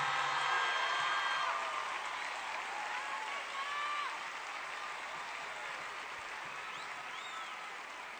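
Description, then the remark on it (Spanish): Sustained audience applause for three women, a dense wash of many hands clapping that holds steady at a fairly loud level for several seconds before easing off slightly, with no talking over it. “Un fuerte aplauso para ellas, por favor.”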